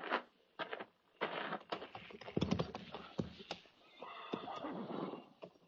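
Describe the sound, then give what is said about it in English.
A horse whinnies and snorts while hooves shuffle and clip-clop, with several sharp knocking steps spread across the scene, as soldiers are ordered to mount and ride out at the walk. “Stand a horse.”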